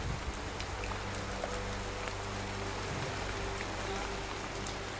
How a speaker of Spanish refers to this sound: La lluvia no cesa y cuando el viento arrecia, cada minuto cuenta.